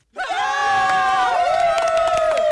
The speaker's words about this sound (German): Dieser Applaus hier, ne? Der gilt allen, die freiwillig irgendwo mitarbeiten, zum Beispiel bei der Feuerwehr oder in Vereinen oder bei der Kirche.